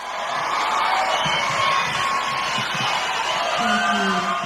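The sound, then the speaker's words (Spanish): A large crowd applauds and cheers in a loud, steady wash of sound, with a melodic music line and scattered voices threading through it for the whole stretch. “El tema musical con el aplauso, porque así es el Dibu, así son la mayoría de la gente de nuestra selección.”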